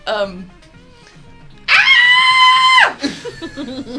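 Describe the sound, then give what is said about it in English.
A person does a shrill, high-pitched squealing yell of "Utini!", imitating a Jawa's victory cry. It is held for about a second and drops off at the end, with talking on either side. “They yell, Utini!”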